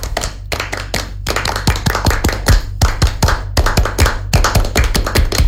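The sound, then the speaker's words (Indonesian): A rhythmic Pramuka scout clapping routine (tepuk pramuka), done once to liven the mood: groups of sharp hand claps in a patterned beat, with brief pauses between phrases, loud and crisp over a steady low hum. “Kita seperti perlu tepuk pramuka dulu kak, biar cair suasana kita. Satu kali tepuk pramuka.”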